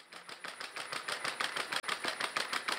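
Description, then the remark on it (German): Scotty, a robot dog, patters along on a walk through the garden of the Lutzepark care home in Köthen, Saxony-Anhalt, Germany, in a fast, steady run of light mechanical taps, almost like a sewing machine, with a faint whirring hum underneath and no voices. “Was klingt wie eine Nähmaschine, ist das Tippeln von Scotty.”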